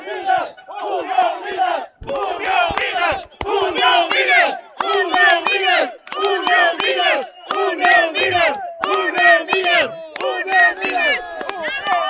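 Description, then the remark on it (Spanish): A crowd of Unión Minas football fans shouts and chants in loud, rhythmic bursts to cheer on their team, voices rising together in repeated waves of cheering with brief dips between each surge. “Va gritando, va alentando al equipo, ¿no?”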